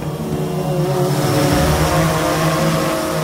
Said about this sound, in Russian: Вы слышите этот звук? Где-то над сопками движется муравей, грузовой дрон, созданный в Екатеринбурге. Несмотря на свое скромное название, перед нами весьма выносливый и сильный представитель семейства беспилотных доставщиков.